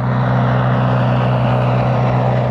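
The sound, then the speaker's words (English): A steady, loud propeller engine drone of a Caproni aircraft in 1919, with a deep, throbbing hum and a broad rushing roar, continuous throughout with no voices. “But the next day, his Caproni aircraft crashed while landing near Bratislava.”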